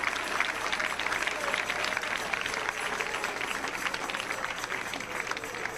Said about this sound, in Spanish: Dele palmas al Rey con todo su corazón. Dele palmas porque Él vive. Aleluya.